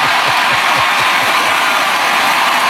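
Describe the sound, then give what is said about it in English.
A large crowd roars and cheers in a dense, steady wash of noise that stays loud for the whole stretch, with a few rhythmic low thumps early on. “Dude, and that crowd roared.”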